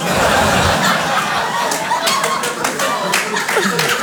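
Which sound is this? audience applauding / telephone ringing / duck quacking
audience applauding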